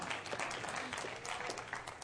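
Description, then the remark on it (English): An audience claps steadily during a sermon, a dense wash of many hands applauding together, fairly loud and continuous throughout with no voices standing out. “You can clap.”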